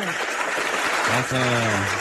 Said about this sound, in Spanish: Un aplauso, por favor. Qué bueno que está bien. ¡Más aplausos! ¡Más aplausos! ¡Más alto!